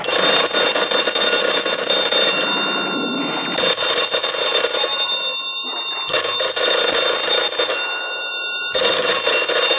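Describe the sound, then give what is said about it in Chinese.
A telephone rings with a loud, harsh metallic bell in long sustained bursts, separated by brief pauses, insistent, with no one speaking. “接电话。”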